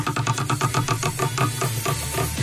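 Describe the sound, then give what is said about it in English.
A prize wheel, given a good spin for a Sunbeam kettle and toaster set prize, spins with a fast, steady run of loud ratcheting clicks over a low droning hum, the ticking rattling on evenly for a couple of seconds. “Give it a good spin, yep.”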